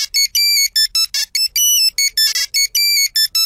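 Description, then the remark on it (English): A Nokia 3310 phone ringtone plays alone: a quick, bright melody of short beeping notes in a bouncy rhythm, loud, with no talking over it. “wrapping up our throwback lunch on Star 102.7 and throwing it back to the days when we were all rocking the old Nokia 3310 phone.”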